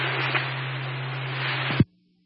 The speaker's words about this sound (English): We got a tone no audio on the station.